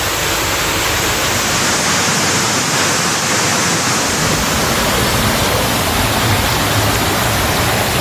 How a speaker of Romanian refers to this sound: Un pic blocat pe DN-ul. Aici are jumătate de metru. Ferească Dumnezeu! Uitați, toată apa după dealurile de acolo.